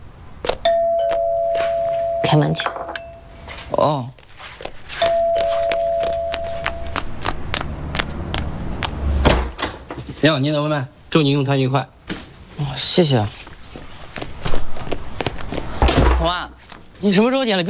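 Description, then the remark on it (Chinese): A doorbell chimes twice with clear, sustained tones as a Pizza Hut food delivery arrives, followed by a soft thud as a door opens, and then people begin talking. “开门去。”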